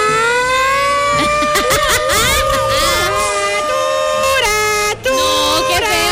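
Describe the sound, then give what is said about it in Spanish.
A loud alert siren wails continuously, its steady tone wavering slightly, while voices and crowd noise mix in underneath, with a brief dip near the end. “¿cómo les parece que se encendieron las alertas, muchachos?”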